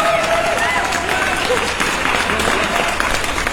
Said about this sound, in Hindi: आज की morning congratulation, बहुत बहुत बधाइयां जी आपको, आपने दिया है सही जवाब, तो एक बार आपके लिए जोरदार तालियां।